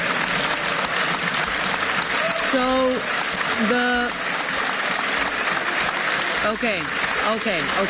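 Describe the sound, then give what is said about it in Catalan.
Sustained applause from right-wing political groups of MEPs in the European Parliament during a roll-call vote fills the whole clip, a dense steady clatter of many hands clapping at once, while a voice speaks briefly over it in the middle and again near the end. “Aquest és el moment de la votació sonada en què s'han sentit aplaudiments per part dels grups polítics de dreta, també crits com Shame on you, feis vergonya, per part dels eurodiputats de l'esquerra.”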